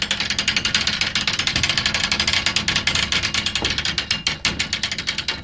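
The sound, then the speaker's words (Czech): The old gear mechanism in the ruins of a sawmill on the bank of a South Bohemian pond runs with a steady, rapid clatter of teeth meshing, a loud rhythmic ticking and knocking that continues without pause and with no voices. “To bylo před 3 roky, kdy jsme stáli v polorozpadlých troskách staré Pily na břehu jihočeského rybníka, vyluzovali na starodávném zařízení jediný možný zvuk”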